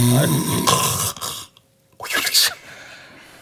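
A sleeping person talks in their sleep, letting out a couple of short, muffled, wordless mumbles and groans, breathy, with a brief quiet gap between the two bursts.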